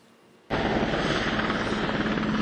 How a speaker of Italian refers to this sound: L'arrivo insieme a bordo di un elicottero militare, il consiglio politico in una base aerea.